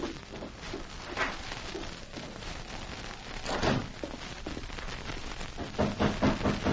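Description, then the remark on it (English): A back door swings shut with a dull thud partway through, set against a steady hiss like falling rain, with a few softer knocks and shuffles around it. “As the back door closed on Jim, there was a knock at the front.”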